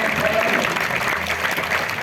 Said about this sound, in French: Alors, on va encore applaudir très très fort toute l'équipe technique qui nous a accompagnés.